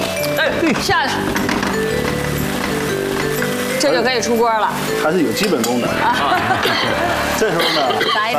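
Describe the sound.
A wok is stirred as a thickened oyster-sauce sauce bubbles around meatballs, starch slurry having been poured in along the hot edge after it came to the boil; steady scraping and clinking of metal throughout, beneath continuous talking voices.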